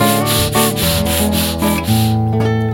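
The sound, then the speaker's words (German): A saw-like rasp made with the mouth, back and forth in quick, steady strokes, loud, about ten rhythmic passes over a few seconds with a sustained musical drone underneath, imitating a saw cutting up a victim in a song. “Und das bedeutet nicht, dass ich eingeschlafen bin, sondern das soll eine das Opfer zersägende Säge sein.”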